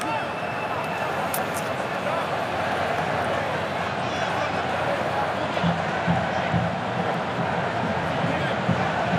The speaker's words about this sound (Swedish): Ja, här kommer första hörnan och applåder från de röda utav portarna som är på plats.